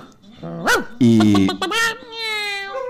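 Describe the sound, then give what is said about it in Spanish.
A woman's dog, kept at her home along with hens and cats, gives a rising yip, then a few loud barks in quick succession, ending in a drawn-out whining howl. “Tiene unos gatitos. Y tiene un perro.”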